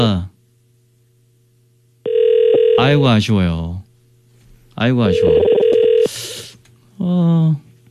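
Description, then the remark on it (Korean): An outgoing phone call to a listener during a live broadcast rings on the line with no answer: two long, steady ringback tones separated by a pause, over a low hum, while voices talk across the rings. “0339번님도 전화를 안 받고 있습니다.”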